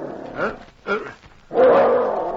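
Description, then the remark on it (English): A dog named Danny sounds a warning: two short, sharp barks, then a longer, sustained growl, fairly loud with no talking over it. “He sounded a warning, then looked at his master on the bunk. He growled louder.”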